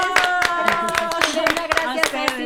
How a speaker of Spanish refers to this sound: ¡Aplausos